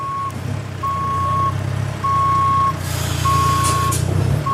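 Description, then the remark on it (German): A steady reversing alarm beeps four times in a slow, even rhythm over the loud low rumble of a heavy truck engine, with a brief hiss of air brakes partway through, as transporters, large semi-trailers and forklifts maneuver on a festival ground being set up, unloading power generators. “Transporter fahren, große Sattelzüge, Gabelstapler, abgeladen wird ein Stromaggregat nach dem anderen.”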